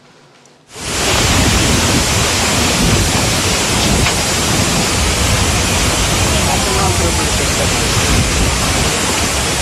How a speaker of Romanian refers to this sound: Furtunile au început să facă probleme în vestul țării, vântul violent, ploile torențiale și grindina au apărut după ce temperaturile au trecut cu mult de 30 de grade.